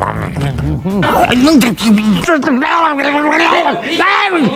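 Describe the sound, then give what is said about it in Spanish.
A person vocally imitates vultures feeding on carrion, such as a dog on the road, making a string of strained, moaning, gurgling calls with wavering pitch, loud, lasting several seconds. “¿Nunca en la carretera has visto sopilotes comiéndose algún perro o algo? Sí, sí, tristemente sí. Es haciendo ese ruido.”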